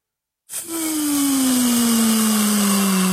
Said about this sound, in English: You hear that, guys? That is the air being let out of the balloon. Best way that I can describe it.